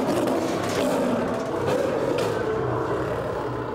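Agitated lions roar in a deep, rumbling, continuous chorus that stays loud and steady for several seconds, with rough low growls layered over a broad noisy wash and no talking.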